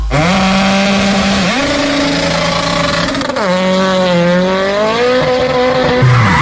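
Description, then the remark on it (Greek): A car's tires screech in a long, wavering, high-pitched skid in the middle of the road, with a sharp pop midway as a tire blows out and the wheel rim is damaged, then the squeal continues loudly over a rumbling engine. “Αμάν, πάει το λάστιχο, πάει και η ζάντα στη μέση του δρόμου.”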